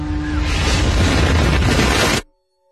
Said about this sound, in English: And so when 57 seconds after I crossed the finish line, right as we went to start walking, the first bomb had gone off.